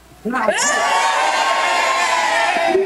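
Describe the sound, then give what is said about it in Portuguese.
A crowd of schoolchildren from Colégio São José bursts into loud, sustained cheering and high-pitched shouting for Brazil to win a sixth World Cup title, after a brief quiet start, holding at full volume until the end. “Agora, gente, eu quero ver a torcida do Colégio São José para o Hexa.”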